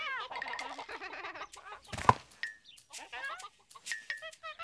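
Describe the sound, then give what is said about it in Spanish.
A hen eating 'spaghetti' from the ground clucks repeatedly in quick, uneven bursts of nasal, rattling notes, with one louder squawk midway and a few higher drawn-out calls mixed in. “¡La gallina come espagueti!”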